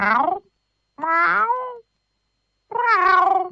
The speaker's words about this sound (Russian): Кот восторженно мяукнул. Глаза его сверкнули жадным голодным блеском.